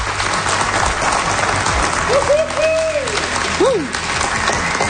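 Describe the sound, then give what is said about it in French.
A dense, steady round of applause from a live morning-show audience at Cégep Limoilou in Québec fills all five seconds with loud, even clapping, and a brief whistle or cheer rises and falls partway through. “On va se repartir une petite ronde d'applaudissements pour montrer qu'il y a du monde dans la salle.”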